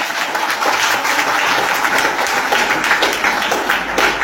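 A community gathering applauds itself steadily, a dense wash of many hands clapping at an even loudness throughout, with no voices standing out.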